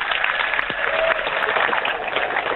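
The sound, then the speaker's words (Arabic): Dense, sustained applause from a large concert audience after singing along with the performer, steady and loud without a break, with faint scattered cheers mixed into the clapping. “هذه كانت التحية بعد ما غنى الجمهور”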